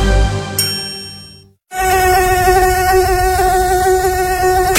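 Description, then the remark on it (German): A bright chime rings and fades, then after a brief pause a loud mosquito buzz drones steadily and continuously, a high-pitched whine with no one speaking. “Mücken bringen Gesundheitsrisiken mit sich. Besonders die Tigermücke.”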